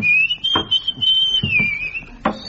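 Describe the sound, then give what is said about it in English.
A man whistles a thin, nearly flat, tuneless note that drones on without melody, wavering only slightly, while a few soft thumps and knocks sound in the background. “But his whistling has no melody whatsoever.”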